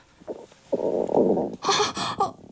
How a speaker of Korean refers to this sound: 알람이 울려 기사 하나를 더 스크랩했을 때 갑자기 뱃속에서 꾸르륵 하는 소리가 났다.